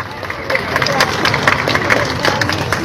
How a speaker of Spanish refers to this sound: Regalemos fuertes y calurosos aplausos para él.